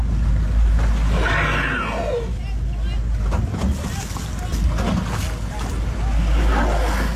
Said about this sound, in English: Yeah, that's a pretty amazing sounds of that whale as those teams get close to the whale to untangle it off our south coast here.